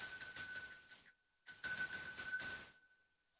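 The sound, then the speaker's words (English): A small bell used for cleansing rings brightly in two bursts of rapid jingling, with a short pause between them, fairly clear, no voices. “Yeah, and then I've also got a gorgeous little bell which is used for cleansing. So we might give it a little ding.”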